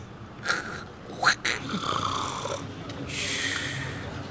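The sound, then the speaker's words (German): A person imitates a partner's loud snoring: a few short, rattling snorts followed by longer, drawn-out raspy inhales, sounding rough and saw-like. “welche Auswirkungen hat das denn, wenn der Partner so schnarcht?”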